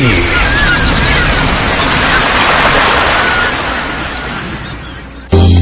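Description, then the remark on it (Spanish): Sea waves on the coast: a steady, loud wash of surf rushes continuously, slowly easing off before an abrupt cut to a different, brighter sound at the very end. “Haz una pausa. Escucha el mar. Siente a la naturaleza en la costa.”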